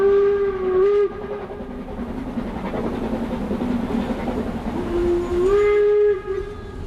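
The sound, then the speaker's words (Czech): A steam train travelling toward Siberia during the world war rumbles steadily along while its whistle sounds twice, a loud sustained blast at the start and another near the end, with no voices. “Takže František Parolek, poručík, balí svou pojízdnou fotolaboratoř a vydá se spolu s dalšími na cestu vlakem směr Sibiř.”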